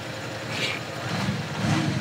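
A car engine revs steadily without its speaker-based sound generator, its low rumble swelling toward the end, with a brief higher whine near the middle. Moderately loud, no voices.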